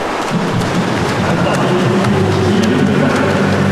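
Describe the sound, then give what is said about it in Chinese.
Steady, loud churning and splashing of water from swimmers kicking in a men's 50-metre backstroke final (university group one), a dense rushing wash without pause, with a low murmur of crowd voices running underneath. “我们可以听到现场的这个空气声啊，运动员啊，滑笔、打水的声音噼啪啪的，可讲竞争程度是相当的激烈。”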